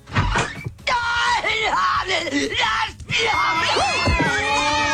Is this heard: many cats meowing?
yes